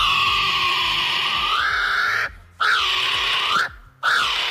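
A loud, harsh bird call: long, raspy screeching notes that bend upward in pitch, broken by two brief pauses, with no talking.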